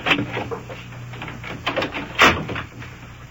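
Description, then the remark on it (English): A door is pushed closed with a couple of clunks and a firm thud near the end, over a low steady hum. “You shut the door there, come on.”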